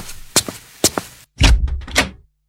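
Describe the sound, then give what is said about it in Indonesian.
Loud knocking on a door: two quick pairs of sharp raps, then a heavier burst of booming thuds as the pounding grows more forceful, with no voices. “Terdengar ketukan pintu keras.”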